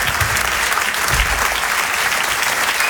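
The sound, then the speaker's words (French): An audience claps loudly and steadily for the comedians Arnaud Cosson and Cyril Ledoublé, a dense, continuous patter of many hands with no voices standing out over it. “On peut les applaudir très très fort.”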